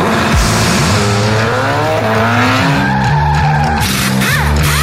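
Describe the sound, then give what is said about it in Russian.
A car engine revs hard and accelerates, its pitch climbing in loud, continuous surges with a brief squeal of tires near the end. “Чувствуешь, как машина просит скорости?”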